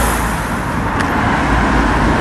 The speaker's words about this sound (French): Eh bien, pour se faire une idée de la situation, écoutez d'abord la circulation qui régnait hier matin aux alentours de 11h au centre de Lunel-Vielle.